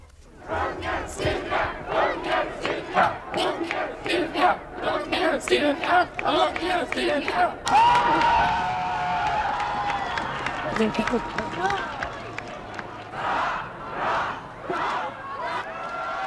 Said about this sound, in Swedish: Om det inte blev så många hurrarop för kungen den där höstdagen när han övertog tronen, så kommer folkets jubel idag.